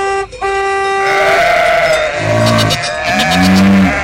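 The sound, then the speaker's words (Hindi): Goats on a road bleat several times in a row, loud wavering cries, one drawn out long, followed by lower, shorter bleats, with no talking. “रास्ते की सब बकरियाँ और गायें दूर हट जाती हैं।”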